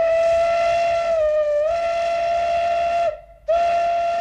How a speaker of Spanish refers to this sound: Daban saltos sobre él, chillaban, aullaban, hasta que los penetrantes sonidos de una locomotora de vapor los distrajeron de la diversión.